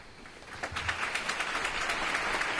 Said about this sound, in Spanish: Una capilla ardiente y un funeral marcados por el silencio, roto solo por los aplausos.